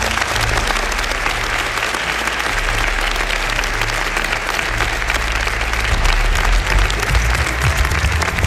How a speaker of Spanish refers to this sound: Un aplauso muy fuerte para ellos.